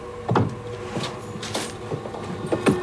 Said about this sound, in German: Da, der Schrank. Eine Tür steht offen. Sie schlüpft hinein und zieht die Tür zu.